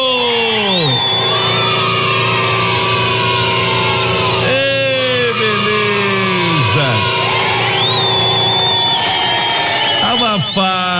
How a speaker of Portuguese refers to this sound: Ele tá usando, gente, um compressor de ar.